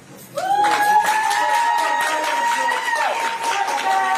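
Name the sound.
courtroom applause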